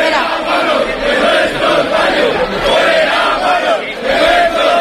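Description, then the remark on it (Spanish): A large crowd of protesters shouts and chants insults and slogans in Spanish in a continuous, loud roar, with rising and falling waves of voices and no individual speech standing out. “Mucho grito también ha habido en favor de la higiene, fuera guarros de nuestros barrios.”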